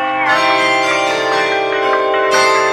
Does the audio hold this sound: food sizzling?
no